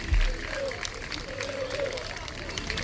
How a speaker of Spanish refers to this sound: Mira, los aplausos son para el autobús del Sporting que se marcha. Sí, pues. Se aplauden al autobús del Sporting que está saliendo ahora mismo de.